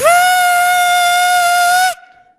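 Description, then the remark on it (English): A voice imitates a whistling stovetop kettle: one loud, steady, piercing tone that rises briefly at the start, holds for about two seconds, then cuts off, leaving a faint fading trace. “And then I realize, the kettle on the fire.”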